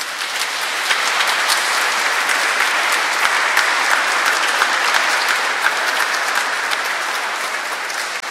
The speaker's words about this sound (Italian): Facciamo intanto un applauso a chi è cresimato.